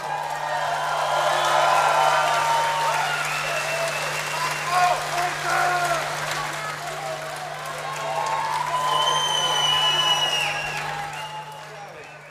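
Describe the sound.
Steady applause from a sizable audience, mixed with scattered cheering voices, rolling on for about twelve seconds with a second swell near the end before it fades.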